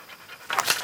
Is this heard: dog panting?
yes